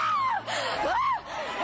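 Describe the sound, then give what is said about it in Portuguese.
A crowd of many voices screams and shouts together to Jesus, a loud, continuous roar with individual wails rising and falling above the mass of sound. “Grita para Jesus”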